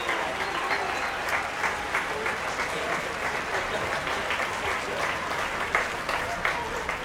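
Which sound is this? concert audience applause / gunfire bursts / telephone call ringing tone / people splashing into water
concert audience applause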